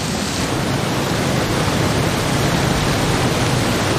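Heavy rain of the arriving rainy season, ending a drought, pours down in a dense, steady roar, a loud and unbroken hiss of countless drops that fills the whole scene without pause or change.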